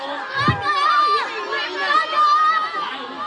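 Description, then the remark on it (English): A crowd of children cheers and shouts excitedly at an annual snail race in Funglin, Taiwan, cheering on their favorite snail, their high-pitched voices overlapping in a steady, lively din that holds at about the same loudness for a few seconds. “Those are kids cheering on their favorite snail.”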